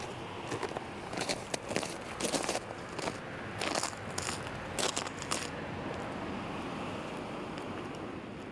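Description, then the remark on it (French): Footsteps crunch over icy snow in the village of Brassac after the first snow, in a quick, uneven series for about five seconds, then stop, leaving only a steady rush of wind noise. “Ici, il y a du verglas, des maisons, des voitures.”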